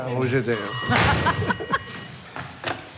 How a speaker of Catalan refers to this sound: Ai, el telèfon. Ui. Ja l'agafo.